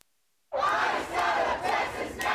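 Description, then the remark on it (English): A crowd of protesters outside a Houston City Council meeting, calling for an end to Immigration and Customs Enforcement operations, shouts together in a loud, sustained roar that starts abruptly after a brief silence, swelling in waves of chanting-like cries. “Fury from members of the Houston community as they call for an end to the Immigration and Customs Enforcement operations in their state.”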